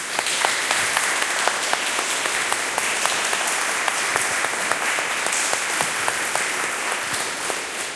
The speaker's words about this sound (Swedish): Men nu en liten applåd då till Bergatorn.